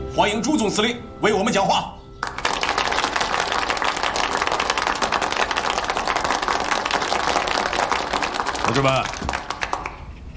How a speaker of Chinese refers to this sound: 同志们，让我们以热烈的掌声。